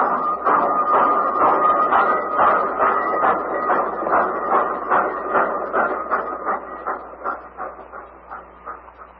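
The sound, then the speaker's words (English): A train rumbles past on the rails, its wheels clacking in a steady rhythm, loud at first and then gradually fading away as it moves off. “But this is one train you're missing.”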